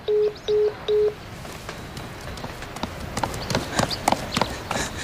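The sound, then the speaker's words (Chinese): Three short, evenly spaced telephone keypad tones beep clearly at the start as a call to Minister Qiao is dialed, followed by a steady run of light tapping and clattering noises with no voices. “我这马上就给乔部长打电话，出了点状况。”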